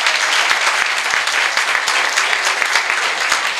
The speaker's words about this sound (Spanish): Así que fuerte el aplauso y nos despedimos.